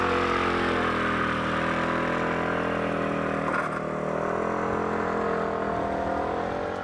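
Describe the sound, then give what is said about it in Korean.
A motorcycle engine runs steadily and fairly loud, its low throbbing drone holding throughout, with a slight shift in pitch midway as if pulling away. “집에 차 있어도 차 안 타고 다녀, 오토바이 타고 다녀.”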